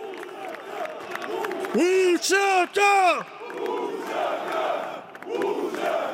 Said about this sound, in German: Vor dem Parlament feierten hunderte UCK-Anhänger die Gesetzesänderung.